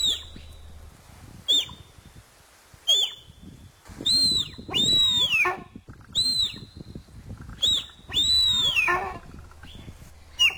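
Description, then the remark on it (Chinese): A deer calls repeatedly, giving about seven high-pitched, whistling cries that slide downward, some short and some drawn out, over a faint rustling background. “我今天特别准备了这一小段的鹿鸣声，也让大家来听一听，是不是跟你想象的是一样的呢？”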